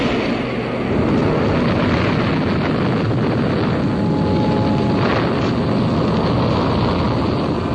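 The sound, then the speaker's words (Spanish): The rocket engines of a large missile ignite at launch after a countdown, into a loud, continuous roar, a dense rumbling blast that swells after the first second and holds steady throughout, with no voices. “Los motores estallaron en un reflejo multicolor.”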